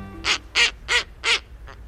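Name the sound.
snowy owl call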